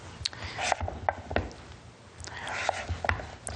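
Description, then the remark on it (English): A knife slices vegetables into rings on a cutting board, making a series of sharp, irregular taps and crunches, some louder than others, with brief pauses between cuts. “So just cut them into rings like this.”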